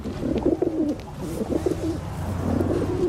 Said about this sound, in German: Ja, das sind Tauben. Und wie passen Tauben zu diesem Geräusch hier zusammen? Ja, Tauben am Bahnhof, am S-Bahnhof, das ist nichts Neues, aber Tauben in der S-Bahn. Das ist schon was Neues.